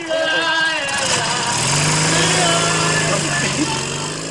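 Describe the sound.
A motorcycle engine with a sidecar rumbles to life partway through and holds a steady, loud revving drone, with muffled voices and background noise mixed in, as police load a drunk man into the motorcycle with sidecar.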